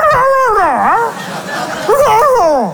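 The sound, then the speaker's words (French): A person imitates a dog answering its owner, letting out two loud, whining howl-like yelps with sliding pitch, separated by a brief pause. “Et le chien lui répondait en kabyle.”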